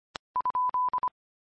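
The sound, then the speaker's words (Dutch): A soft click, then an amateur radio repeater tone: a clear, steady beep keyed into a quick run of short and long pulses, heard alone with no talking. “Ja, met de meldingen van de repeater.”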